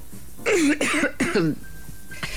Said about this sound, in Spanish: Voy a toser.